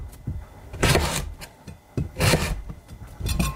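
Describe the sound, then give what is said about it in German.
A knife cuts a hard carrot into small pieces in three loud, crunching, rasping strokes spaced about a second apart, with softer knocks of the blade on a board in between. “Oh, die Möhre, die ist doch schon was ganz anderes.”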